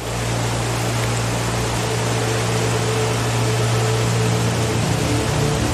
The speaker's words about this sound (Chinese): 在周边的山谷中，大雨已持续数日，随着越来越多的雨水在山间汇集，往日平静的小溪变成了汹涌的洪流，洪水涌向贝拉河，导致河水暴涨。